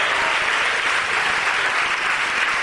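A church audience applauding together in praise of Jesus, a dense, steady wash of many hands clapping at full volume throughout, with no voices standing out.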